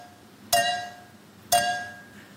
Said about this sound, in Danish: Men i samme gameshow har de nu haft besøg af en tysk pige, som ud fra lyden af to glas med vand i, der bliver klinket sammen mod hinanden, kan høre, hvor mange milliliter der er i hvert glas.